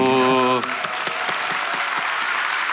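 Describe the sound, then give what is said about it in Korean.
A crowd in Daejeon breaks into steady, dense applause for the Busan Youth Korean Traditional Orchestra, about 50 young players with a young conductor and eight young composers. The applause is loud and sustained, with individual claps ticking through the wash. A brief sustained voiced tone sounds just before the clapping begins. “여기 50여 명의 젊은 청년 단원들, 그리고 젊은 지휘자, 그리고 8명의 젊은 작곡가들 해서 연주와 창작을 같이 이렇게 보여주는 아주 멋있는 박수.”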